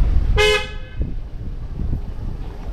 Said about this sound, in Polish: Trąbią samochody.